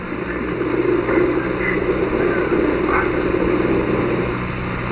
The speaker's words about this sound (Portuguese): Não, vento. Isso é o vento, né?